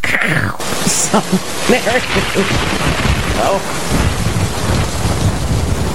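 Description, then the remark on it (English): Heavy rain pours steadily while thunder rumbles low, the storm filling the whole stretch with dense noise, and faint, muffled voices surface briefly beneath it. “The lightning capital of the world is Tampa Bay.”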